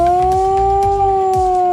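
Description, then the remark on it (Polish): A loud, sustained air-raid alarm siren with a modulated, rich harmonic tone, its pitch drifting gently, over a low rhythmic thumping beneath, sounded on the Main Market Square in Kraków, Poland, during a national response training; the alarm signal lasts 3 minutes. No one speaks. “Alarm ogłaszany jest modulowanym dźwiękiem trwającym 3 minuty.”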